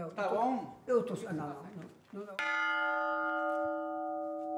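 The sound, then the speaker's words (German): A person speaks briefly, then a cracked church bell is struck once, loud, its metallic tone ringing on and slowly sustaining to the end. “Die Glocke hat ihren alten Klang, wenn sie vorschwingt. Wenn sie zurückschwingt, klingt es anders.”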